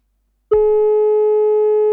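A loud, steady phone-line tone from a dropped call starts abruptly after a brief silence and holds unbroken at one pitch to the end, with no voices.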